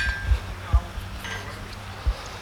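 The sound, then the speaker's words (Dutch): A blacksmith hammering metal: three sharp, ringing clanks at uneven intervals, two close together and one after a pause, over a low steady hum. “Dat is een smid aan het werk.”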